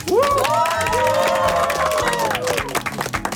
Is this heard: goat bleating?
no